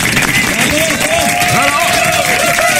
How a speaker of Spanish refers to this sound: Fuerte el aplauso, señores. Fuerte el aplauso para Eco.